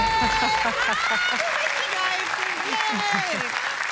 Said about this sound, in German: Yay! Yay! Aber auch Applaus. Ein ganz Applaus. Chapeau.